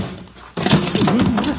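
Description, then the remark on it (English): After a brief quiet, someone stumbles while going up steps toward a gate and door, with a sudden loud thump, followed by about a second of a wavering, low-pitched vocal groan. “Stumbled.”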